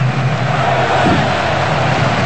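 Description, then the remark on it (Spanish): A football crowd, with English fans, shouting together in the Miami stadium during an England match, a dense, steady roar of many voices that holds at an even, loud level throughout, with a low droning hum underneath. “Y el grito y empieza a despertar el estadio de Miami.”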